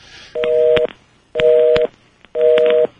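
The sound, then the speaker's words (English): A telephone number being redialed to reestablish a call connection: three evenly spaced half-second bursts of a steady two-note electronic tone, each fairly loud and edged with crackling static, with short gaps between them and no voices. “Let's try again. A telephone number is a telephone number, right?”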